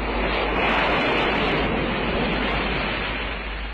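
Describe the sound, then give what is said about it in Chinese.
A steady, dense roar of waves breaking against rocks on the Kyunohama coast in Fukuoka Prefecture, loud, with spray-like hiss throughout and no distinct pauses, easing slightly toward the end. No voices. “波浪拍击着岩石，浪花飞溅，九之滨海岸到了。”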